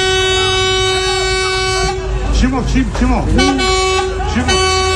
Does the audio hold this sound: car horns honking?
yes